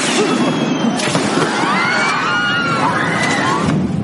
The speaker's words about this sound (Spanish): ¿seguro que controlas los fuegos artificiales?